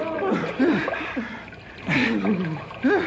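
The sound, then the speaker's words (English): Water splashes and sloshes throughout as a person is pulled with a rope out of a hole in the ice, with a louder burst of splashing near the middle, mixed with strained grunts and short breathy vocal sounds. “Look what we pulled out of the drink. You make big hole in ice.”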